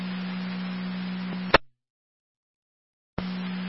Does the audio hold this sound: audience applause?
no